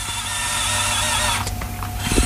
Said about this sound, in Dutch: Hij klinkt ook echt als een robotarm. Ja, stoer, hè?